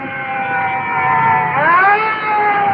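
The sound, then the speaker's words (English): Loud wailing sirens of several additional fire trucks pulling up behind, overlapping tones holding steady and then sweeping upward together over a low rumble of traffic noise. “And looking over my shoulder, additional fire trucks are pulling up and are coming in directly behind us. Well, I can hear their sirens, so we'll just stand by.”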